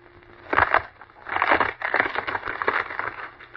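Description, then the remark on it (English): A heavy wooden log, almost 2 feet in diameter, from beside a fireplace, is shattered into splinters by bare hands, with loud cracking and crunching, a sharp burst followed by about three seconds of dense splintering and crackling debris. “He shattered the log into splinters.”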